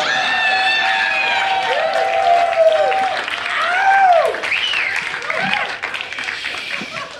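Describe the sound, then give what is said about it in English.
A crowd applauds loudly and steadily for several seconds, the dense clapping mixed with rising cheers and high whoops that swell midway before tapering slightly. “Round of applause.”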